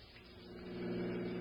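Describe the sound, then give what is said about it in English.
A car engine hums steadily as the car drives and pulls up at the Taylor Avenue car station, its low drone swelling slightly louder partway through the brief moment, with no voices. “All right, Maury, pull up here. There's the car station. Right, Captain. We'll leave the car here so Dowling won't see it.”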